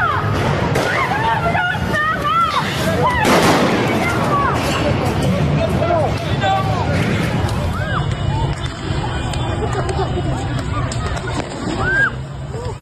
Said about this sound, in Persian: نیروهای سپاه و بسیجی در حال شلیک. اون سنگی بوشهر، تیراندازی نیروهای امنیتی.